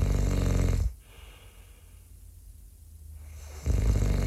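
Loud, rasping snoring from someone asleep: one deep, rattling snore, a hushed pause of a few seconds, then another snore begins. No one speaks.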